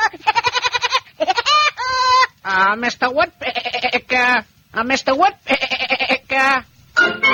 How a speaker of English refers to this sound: Oh, it's you, Billy Goat.